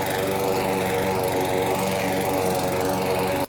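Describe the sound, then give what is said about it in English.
A lawnmower's small petrol engine drones steadily, a loud, buzzing hum with a rough pulsing texture that holds constant before cutting off abruptly at the end. “when Uncle Lawnmower launched his villain era, every week this man apparently drives his lawnmower onto her property.”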